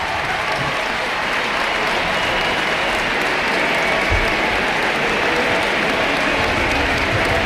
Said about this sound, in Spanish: La gente que está empezando a vislumbrar ese cambio y a disfrutarlo seguramente en este Ullevaal Estadio. Vamos a escuchar la ovación y los aplausos de Alexia para la grada y de la grada hacia ella.